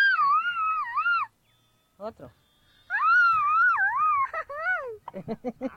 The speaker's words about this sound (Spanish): A ver. Échate un grito mexicano.